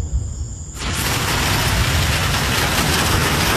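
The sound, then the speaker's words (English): After a brief low rumble, a dense, steady hiss of heavy rain pouring down suddenly swells in and holds loud and constant, with no voices. “All right, here's the rain. Woo. It is coming down like crazy.”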